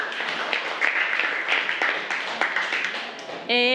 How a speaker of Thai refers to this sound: เก่งมากค่ะกลุ่ม5ปรบมือให้กลุ่ม5ค่ะ